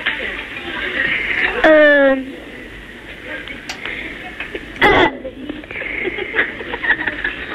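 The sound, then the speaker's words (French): A child on the telephone lets out a short, voiced burp with a falling pitch, clear, followed a few seconds later by a brief second throaty sound against quiet background noise. “J'ai roté.”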